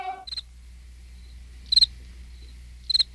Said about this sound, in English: The chirp of a cricket.